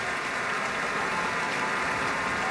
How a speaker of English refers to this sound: More applause for Gabriela Montero.